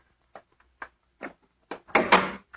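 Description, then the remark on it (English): A few soft knocks and shuffles lead into a louder, rattling thud as a door is pushed shut, followed by one last small tap. No one speaks. “Shut the door”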